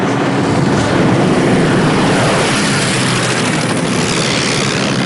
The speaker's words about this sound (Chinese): 没特派员说过，这些飞机飞到这儿是需要电台导航的。